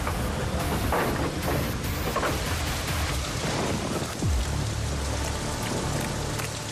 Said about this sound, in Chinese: 这疾风狂雨，我怎么能不来呀？ 先生，这雨下得太急了。